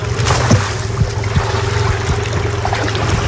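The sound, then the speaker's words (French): A 600-metre-long fishing net is paid out over the side of a boat on a calm, waveless sea with 26-degree water, with splashing water and light knocks riding on a steady motor drone throughout. “Et là on va caler, là on va jeter le filet.”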